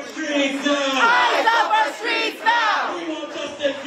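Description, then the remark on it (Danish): A crowd of many voices shouts and chants together in a loud, sustained roar on the street in the Bronx, New York, USA, protesting after ICE agents shot and wounded a man in his car, with rising and falling rhythmic cries layered over one another, no single speaker standing out. “Det har skabt protester i New York i USA, at ICE-agenter sent i aftes dansk tid skød og sårede en mand, mens han sad i sin bil.”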